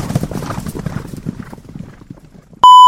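Horse hooves clip-clop in a steady, brisk rhythm, loud at first, then fading as they move away, before a sudden sharp electronic tone cuts in at the end.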